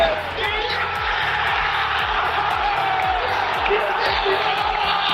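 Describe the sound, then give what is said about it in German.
A huge stadium crowd roars and cheers without a break at the final whistle of a Schalke match late on a Saturday evening, a dense, loud wash of many voices shouting together that holds steady for the whole stretch. “Komm, noch einmal Gänsehaut, noch einmal der Moment des Abpfiffs am Samstag, spätabends.”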